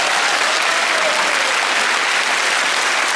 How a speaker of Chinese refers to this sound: 此处应该有掌声，我觉得，谢谢。